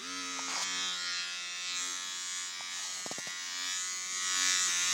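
A small women's electric shaver buzzes steadily for the whole clip, a constant motor hum with a few brief clicks or changes in pitch as it moves. No one speaks.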